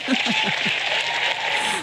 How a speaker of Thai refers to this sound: โอ้โหเดี๋ยวต้องรีบปรบมือให้คนนี้ไม่มีเสียง